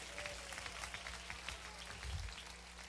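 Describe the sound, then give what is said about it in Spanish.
An audience applauds Christ at a church service, with many hands clapping in a dense, steady patter that holds for about three seconds at an even, moderate level. A low hum runs underneath. “Y dándole un aplauso fuerte a Cristo, todos podemos tomar asiento.”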